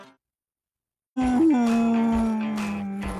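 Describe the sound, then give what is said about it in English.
After a moment of silence, a big dog named Fleroy lets out one long, loud howl. The pitch wavers briefly near the start, then holds steady and slowly sinks. “That's Fleroy, big dogs.”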